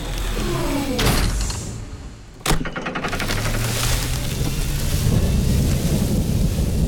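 A thunderstorm with steady rain hissing throughout, a sudden sharp crack of thunder partway through, then a low rumble rolling on beneath the downpour. No one speaks.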